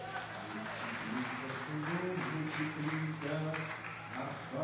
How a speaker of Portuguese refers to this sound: Pode aplaudir o Senhor?